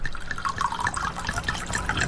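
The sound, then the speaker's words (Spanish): Ron Viejo de Caldas Gran Reserva rum pouring steadily into a glass for a couple of seconds after the bottle is opened, a continuous gurgling splash with bright bubbling tones and no voices. “Luego se sirve.”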